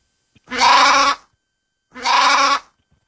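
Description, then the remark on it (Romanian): Two loud bleats from a sheep, each about half a second long with a wavering, nasal tone, separated by a short silence. “Oița? Da, avem trei puncte.”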